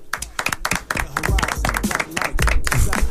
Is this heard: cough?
no